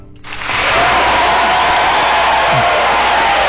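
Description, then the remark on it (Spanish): An audience bursts into applause after a brief quiet start, building quickly into a loud, steady wash of clapping that continues without a break to the end, played on the Radio América radio program as applause for listeners in Italy. “Aplausos para Italia, por favor.”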